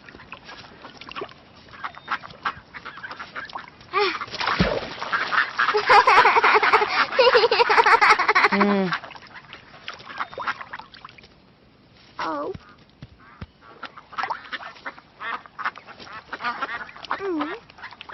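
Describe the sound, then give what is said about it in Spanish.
A flock of ducks at a park pond, being fed by children, quacks loudly and busily for several seconds, a noisy overlapping chorus, then scattered quacks continue more sparsely. “Cuando íbamos para el zoológico, los abuelos se detuvieron en el parque para que Lola y yo alimentáramos a los patos.”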